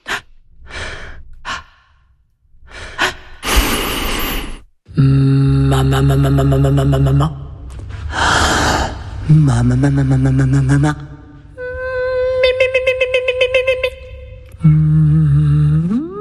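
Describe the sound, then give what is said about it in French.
Audible breaths come in a quick series of inhales and exhales, then alternate with sustained wordless vocal tones, groans and hums. The breathing stays loud, with no speech. “Rythme, respiration.”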